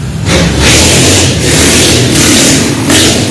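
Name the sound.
motorcycle engine revving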